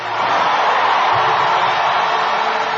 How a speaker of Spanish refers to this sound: Un aplauso al Rey. Un grito de victoria.